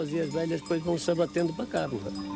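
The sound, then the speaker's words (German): A herd of about 200 goats, owned by three breeders, bleats continuously, many wavering, nasal calls overlapping in quick succession at a steady moderate loudness, with a few light bell clinks mixed in. “Rund 200 Ziegen umfasst die Herde aktuell.”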